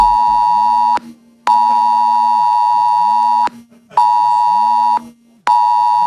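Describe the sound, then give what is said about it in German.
A loud, harsh electronic Cell Broadcast emergency warning tone sent to mobile phones sounds in repeated long bursts, each lasting about a second or more with short gaps between, as used on Germany's national warning day (Warntag). “Außerdem gibt es einen Warnton. So zum Beispiel hört sich das dann an.”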